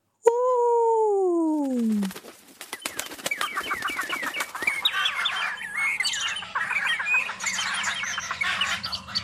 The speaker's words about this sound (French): Il décide de convoquer tous les oiseaux de la création. Et les oiseaux arrivent les uns après les autres. Et c'est un charivari!